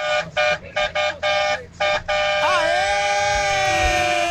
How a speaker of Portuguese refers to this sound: Aquela buzinada gostosa, vai.